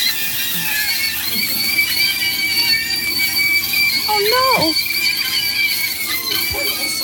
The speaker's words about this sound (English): I've made many a sausage scream. What do you mean by that? Wow. No, really. No, you put them in the pan and they contract and do their thing. And. Okay. And they scream.